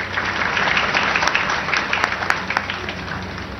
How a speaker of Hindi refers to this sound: तालियां बजती रहे।